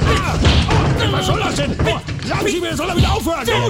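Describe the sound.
Dull punch thuds land repeatedly amid a loud, chaotic scuffle, with strained shouting and grunting voices layered over the heavy low impacts throughout.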